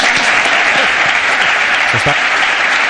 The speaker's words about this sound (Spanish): Orgullosos de que vuelva uno de los mejores entrenadores del mundo, un madridista como es José Mourinho. Aplausos.